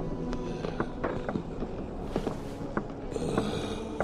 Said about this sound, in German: Eine massige Gestalt schob sich in den Türrahmen. Das Schnaufen erinnerte an ein hungriges Tier.